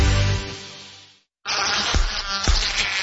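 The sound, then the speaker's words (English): A whining mosquito buzz drones steadily, cuts out for a moment, then returns loud and wavering. “Stay outside this summer with season-long mosquito and tick control services from Mosquito.Buzz.”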